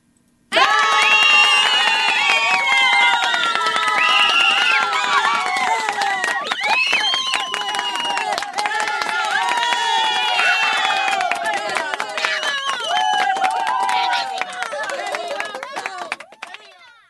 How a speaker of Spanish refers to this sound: grandes aplausos